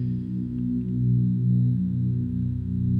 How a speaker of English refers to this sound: Relax and get comfortable. Close your eyes, breathe deeply, and allow the tones to enter your embodiment.